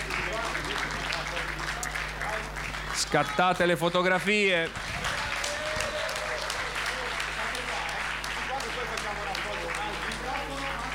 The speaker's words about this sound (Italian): Oh, facciamogli un bel applauso, la consegniamo.